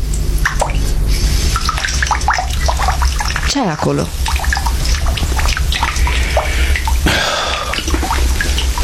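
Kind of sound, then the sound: household object, dripping water tap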